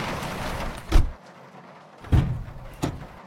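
A car door clunks open, followed by the heavier thud and rattle of the car hood being lifted to check the stalled engine, with a lighter knock after it. Three low, solid impacts over a steady background hiss.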